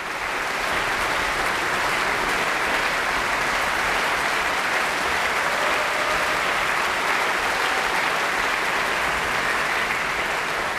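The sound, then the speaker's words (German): A large concert audience in the great hall of a concert venue in Bremen applauds steadily and loudly after an orchestra's performance of a symphony at a music festival's closing concert, a dense, continuous wash of clapping lasting the whole stretch, with occasional faint cheers mixed into the crowd noise. “Jubelrufe hat das Publikum auch für das Mahler Chamber Orchestra und den Dirigenten Maxim Jemiel-Janicev bereit”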